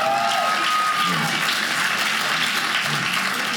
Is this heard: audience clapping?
yes